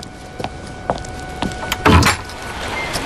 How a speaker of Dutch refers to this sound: Oh nee, er wordt geklopt.